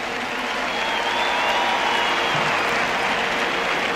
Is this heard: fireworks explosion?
no